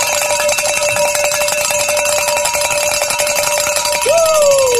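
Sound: hand bell ringing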